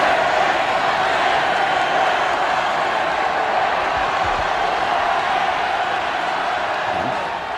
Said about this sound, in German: Nach dem Ausschluss empfingen den Sportler bei seiner Ankunft hunderttausende Menschen am Wiener Ballhausplatz. Und jetzt, Sie hören es, tritt Karl Schranz auf den Balkon. Die Menge jubelt ihm begeistert zu.